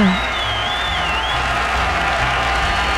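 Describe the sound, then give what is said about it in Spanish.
An audience applauds the marines steadily and densely for the whole three seconds, a loud wash of clapping, with a thin high whistle riding over it during the first half. “Aplausos, aplausos a todos los marinos.”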